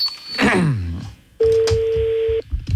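Telephone keypad dialing tones as a number is dialed for a prank call: a quick electronic swooping sound, then a single steady, fairly loud beep lasting about a second, over a faint line hiss.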